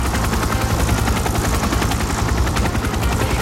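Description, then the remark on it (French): A helicopter, sent to a film shoot, flies with its rotor thumping in a rapid, steady chop over a loud low engine roar that holds constant for the whole stretch, with no voices. “JFK, le 17 mai, fait envoyer un hélicoptère sur le tournage du film.”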